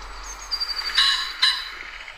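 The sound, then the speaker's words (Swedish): Two harsh, raspy crow-like calls ring out about half a second apart, with faint thin chirping in the background and no one talking. “Får ni jämföra där ifall det är den eller korp då som är mest lik.”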